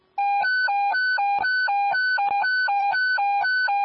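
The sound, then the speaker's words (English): Loud fire evacuation air horns blast in a rapid, steady alternation between a low and a high tone, repeating continuously with no voices, sounded for ten seconds at a fire scene to order all units to evacuate. “Evacuation zones, air horns, 10 seconds.”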